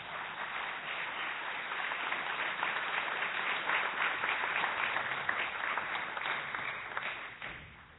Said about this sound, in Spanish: Paco Jase, un aplauso.